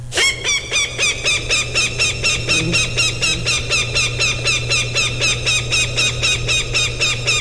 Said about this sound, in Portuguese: Tem coruja, tem falcão. Falcão, deixa eu ver o barulho do falcão aqui.